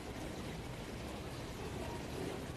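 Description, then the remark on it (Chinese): Constant-temperature purified drinking water, the kind used to wash sea cucumbers, pours steadily into a cup during a live demonstration, a continuous hissing, splashing stream that holds an even level for a few seconds with no voices. “现场给大家来接上一杯”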